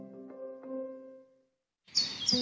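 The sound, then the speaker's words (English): A low sustained musical tone fades into a brief silence, then bright, high bird chirps break in on a sunny day over a soft outdoor wash of background noise. “The sun's shining, birds are singing, and all feels right in the world.”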